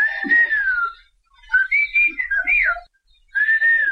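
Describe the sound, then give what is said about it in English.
Whistled language: loud, piercing whistles in three phrases, a long held tone, then a choppy run of rising and falling glides, then another sustained tone. No voices. “Whistled languages exist all around the world.”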